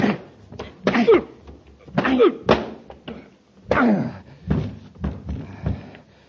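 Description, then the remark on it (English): A scuffle in which the Commander knocks Graykin cold: heavy thudding punches landing in uneven bursts, mixed with strained grunts and gasps, the blows coming roughly every second before the last few quieter knocks trail off. “Hey, Commander, you knocked Graykin cold.”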